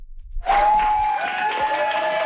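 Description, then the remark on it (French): A burst of applause and cheering from a roomful of people starts abruptly and continues loudly, dense clapping mixed with crowd noise and a few voices; New Democrat caucus colleagues at Queen's Park welcome newly elected member Fatima Chaban on Friday. “C'est sous les applaudissements de ses nouveaux collègues que Fatima Chaban a fait son entrée dans le caucus néo-démocrate à Queen's Park vendredi.”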